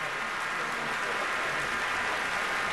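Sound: concert hall applause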